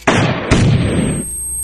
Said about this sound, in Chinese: 打枪的声响被枕头吸收了大半